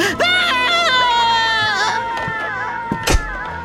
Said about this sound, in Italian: Che grida!